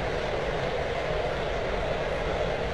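A dense, steady murmur from a large stadium crowd at a Houston Astros versus Seattle Mariners baseball game, with the bases loaded after a hit-by-pitch, a continuous wash of indistinct voices with a tense, restless hum and no single voice or cheer standing out.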